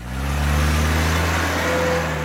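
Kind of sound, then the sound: vehicle, car road noise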